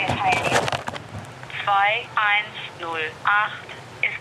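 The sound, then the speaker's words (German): A narrow, phone-filtered tone sounds in a series of short bursts with brief gaps between them: a telephone call to the city administration in Bochum, Germany, ringing repeatedly without being picked up, after a moment of muffled noise at the start. “Doch leider ist heute niemand zu erreichen.”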